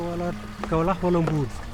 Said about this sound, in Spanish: Es un ir y venir de lugareños que con sus carros llegan hasta las bombas para llenar las garrafas.